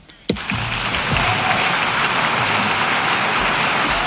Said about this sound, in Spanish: Muy bien, los aplausos, como ven, desde que se ha callado, no hay la voz de la traductora y el aplauso es, miren, escuchen todo el tiempo.